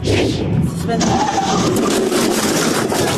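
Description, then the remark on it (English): A car engine roars loudly and steadily at high speed during a highway chase involving a sheriff's deputy in Missouri, with heavy road and wind rush throughout, and indistinct voices mixed in beneath the noise. “Terrifying moments for a sheriff's deputy in Missouri during a high-speed highway chase.”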